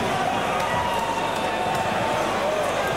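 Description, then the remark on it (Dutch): Loud, steady crowd noise at a darts match, a dense wash of cheering and shouting voices encouraging Dirk van Duivenbode, with no pause or break, staying at an even level throughout. “De aanmoedigingen van Duivenbode in de achtergrond.”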